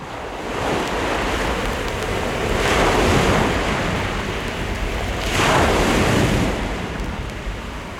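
Sea waves crash onto the shore in a continuous loud roar, with two big surges swelling and breaking a few seconds apart, plus some wind rumble and no voices.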